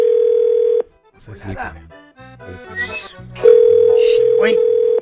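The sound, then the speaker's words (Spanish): A loud, steady telephone dial tone of an outgoing call hums for almost a second, breaks off while a voice talks briefly, then resumes just as loud and continuous until the end. “Mira, tenemos el teléfono.”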